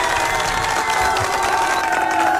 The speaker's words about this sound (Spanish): Un fuerte abrazo y aplauso sobre todo.